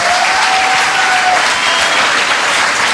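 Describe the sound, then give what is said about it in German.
Steady, dense applause from the audience at the award ceremony of the Bavarian Children's and Youth Film Festival 2026 in Augsburg, a loud continuous wash of many hands clapping with no pauses, and a faint thin whistle-like tone drifting through the first half. “Deswegen auch nochmal ein Applaus an euch alle, dass ihr alle hier seid.”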